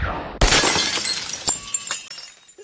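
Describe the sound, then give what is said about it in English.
A sudden loud crash of a vase shattering as a wand is flicked in Ollivander's wand shop, followed by a scatter of tinkling shards and a few smaller clinks as pieces settle, with no voices. “He flicks the wand, shattering a vase.”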